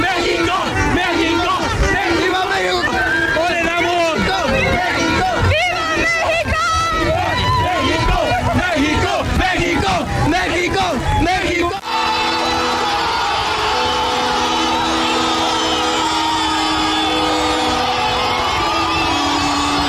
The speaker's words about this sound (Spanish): La ovación a los jugadores llevó implícito la celebración de más de 400,000 almas reunidas, ávidas de soltar el mejor grito de fiesta nacional. ¡México! ¡México! ¡México!